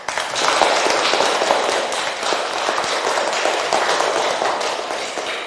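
Steady applause from an audience, dense crackling claps sustained at an even, fairly loud level for several seconds with no voices on top.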